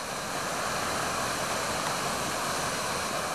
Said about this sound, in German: Das tosende Wasser übertönt jedes Gespräch.